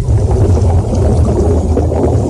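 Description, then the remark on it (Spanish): Muffled underwater ambience in the sea off Carchuna beach, Motril, during the European Underwater Chess Championship: a steady, deep rumble with continuous bubbling and gurgling water, loud throughout, with no voices. “Estamos bajo el mar.”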